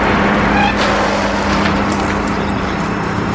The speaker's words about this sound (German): Landstraße am Ende des Hangs. Eine Allee voller Eichen. Und auf der Straße ein Auto.